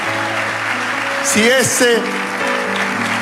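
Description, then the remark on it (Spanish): Steady crowd applause fills the whole stretch, a dense even patter of many hands clapping, with a man's voice briefly calling out over it midway. “Si ese aplauso es la expresión de tu agradecimiento, dale un aplauso fuerte.”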